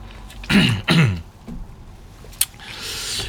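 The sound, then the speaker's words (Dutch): Someone pauses to drink water: two short, rough throat-clearing bursts, then a single small click and a faint, steady hiss, with no talking. “Ik moet even een slokje water nemen.”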